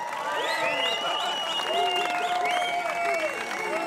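An audience claps steadily and loudly for the whole stretch, with scattered whoops and cheering voices rising and falling over the dense patter of hands.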